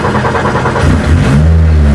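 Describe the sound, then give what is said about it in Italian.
The engine of a racing car is started and revved, rumbling steadily and loudly before the revs climb midway into a deeper, stronger roar that holds to the end. No one speaks. “Allora, proviamo ad accenderla? Lo facciamo in diretta, sentite che rombo.”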